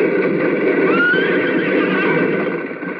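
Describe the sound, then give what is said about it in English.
A horse neighs loudly as it throws its rider to the ground, one long, shrill whinny that wavers in pitch over about three seconds, with no one speaking. “Cube is thrown to the ground by his horse.”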